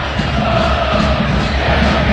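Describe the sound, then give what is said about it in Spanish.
A large crowd of Talleres football fans chants together in a stadium at a match against Atlético Tucumán, a dense, steady roar of many voices with a sustained sung tone running through it, loud and unbroken throughout. “Escucha, esa es gente de Talleres, ¿eh?”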